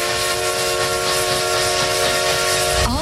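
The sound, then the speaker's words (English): The whistle of the Essex Steam Train, a vintage steam train in the Connecticut River Valley, blows in one long, loud, steady chord over a constant rush of hissing steam, its pitch sagging and fading at the very end. “Essex Steam Train and Riverboat for unforgettable events all year long.”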